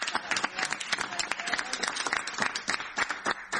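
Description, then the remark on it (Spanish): A crowd claps steadily, dense overlapping handclaps forming a continuous wash of applause at moderate loudness, with no voices standing out; applause following the acknowledgement of representatives of left parties such as the PTS, Izquierda Socialista and the Partido Obrero. “Por el aplauso y muchas gracias.”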